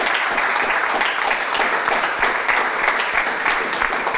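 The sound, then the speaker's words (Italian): Sustained applause from an audience in honour of the late coach Piero Carretto fills the space, a dense, steady wash of many hands clapping at once, fairly loud, with no break across the few seconds. “C'è un applauso.”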